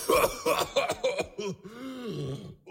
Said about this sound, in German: Dann hustet er. Wie toll.